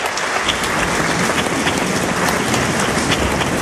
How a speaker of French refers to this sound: Il salue son public sous les applaudissements et très vite se dirige vers son piano pour jouer un premier morceau.